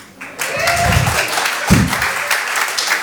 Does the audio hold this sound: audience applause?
yes